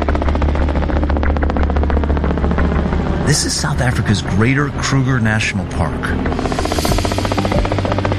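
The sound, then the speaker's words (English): Rapid, steady rotor chopping from a helicopter runs loud through the whole recording, with a man speaking over it partway through. “We sometimes have two planes, but always one chopper.”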